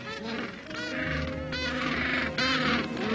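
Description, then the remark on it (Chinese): A dense chorus of penguins calling for a long time to find their mates, many loud, braying, honk-like cries overlapping continuously from a crowded colony, with no clear pauses between them. “他们需要花很长的时间叫唤和寻找。”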